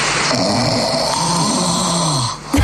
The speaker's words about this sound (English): I actually have to find …'s one to see if we can compare the two snores